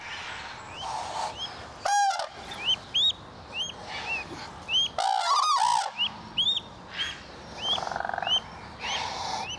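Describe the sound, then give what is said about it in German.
Adult parent geese honk and cry out in loud, repeated bursts, their harsh calls overlapping above a steady background of high chirping birdsong. No one speaks. “Dem Geschrei der Eltern nachzuurteilen, stimmt etwas nicht.”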